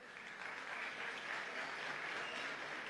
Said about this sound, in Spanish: solo aplausos.